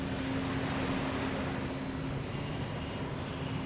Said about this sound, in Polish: I rozpędzamy nasz samolot. Silnik. No, spędzamy nasz samolot, w tym momencie prędkość 1210, ale to jeszcze nie wszystko, na co stać nasze lietadielko.